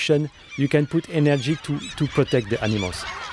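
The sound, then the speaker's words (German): A noisy flock of crows and gulls, with two white-tailed eagles among them, calls over one another while waiting for food put out for bears, harsh caws and wavering squawks overlapping in a dense, continuous chorus. “Auf den Bärensnack wartet bereits eine riesige Schar an Krähen, Möwen und sogar 2 Seeadler.”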